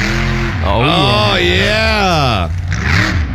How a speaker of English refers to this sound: Monster trucks are coming back.